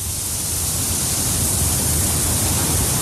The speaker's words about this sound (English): I'm at the 9/11 Memorial at Ground Zero in Lower Manhattan. You can hear the water rushing into the voids where the towers once stood.